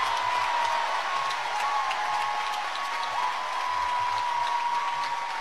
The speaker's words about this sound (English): This crowd is fired up. You look out, and as far as you can see, you just see OU being chanted out. Sooner faithful, y'all are up on your feet. I love it. That's the energy that I feel like Oklahoma was missing.